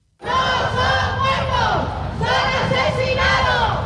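At the gates of the Spanish Congress, a protest crowd of DANA flood victims' associations chants "asesino" at Carles Mazón in unison, loud, rhythmic shouted syllables rising and falling in repeated bursts, many voices blending into a sustained roar.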